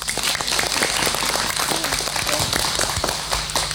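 An audience bursts into steady, loud applause, many hands clapping in a dense crackling wash that holds evenly throughout without pause.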